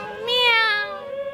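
A breathing toy kitten gives one drawn-out, clear meow, its pitch rising slightly then easing down before it fades. No one speaks over it.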